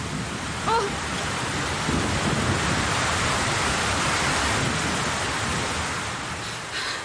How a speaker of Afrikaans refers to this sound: Oh. Magies, dit stort omtrent en stroom meneer.